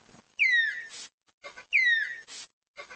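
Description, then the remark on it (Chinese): Two loud, shrill whistling calls from a Malayan tapir expressing excitement, each a sharp descending squeal followed by breathy noise, repeated about a second apart with no talking. “这种有着奥利奥配色并且叫声奇特的生物叫做马来貘，它们会发出尖锐的口哨声来表达兴奋。”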